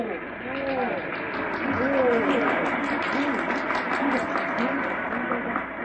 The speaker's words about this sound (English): What's this? Well, the crowd's murmuring now. They've fallen somewhat silent.